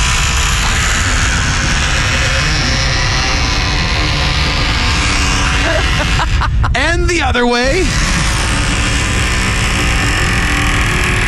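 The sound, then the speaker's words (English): A squeaky building door creaks open and shut, giving a short burst of wavering, high-pitched groans over a constant noisy wash, with people talking around it. “Do you want to hear the original squeaky yes, door please.”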